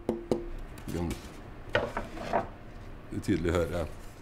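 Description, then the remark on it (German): Sharp knocks on pieces of dense Norwegian birch and spruce wood used for making instruments, two quick raps at the start that leave a short ringing tone, followed by several more resonant, humming strikes with a mellow, hollow pitch. “Alles klingt unterschiedlich, wenn man dagegen klopft.”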